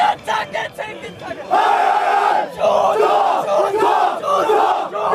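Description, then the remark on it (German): Burger BC football players loudly chanting and shouting together in victory after the final whistle of their 5:1 cup win over SV Westerhausen, their voices rising into a sustained, rhythmic roar after a few ragged opening cries. “Die Siegesgesänge des Burger BC nach dem Abpfiff waren nicht zu überhören.”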